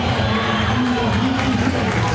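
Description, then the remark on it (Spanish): A football stadium crowd cheers and applauds the player Merentiel in a steady, dense roar that holds at a loud, even level for the whole stretch, with no single voice standing out. “Y la gente la aplaude a Merentiel, lo quiere, ¿eh?”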